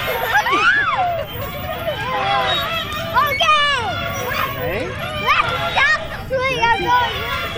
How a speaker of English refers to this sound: The moan of the playground swing set.